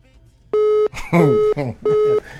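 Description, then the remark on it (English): A phone line beeps with an incoming call: three steady, evenly spaced electronic tones, each under half a second, while a voice talks between and over them. “Hello, dey my phone line. I'm not talking.”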